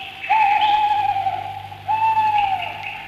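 Two long, steady owl hoots, each held for over a second with a slight drop at the end, clear with no talking.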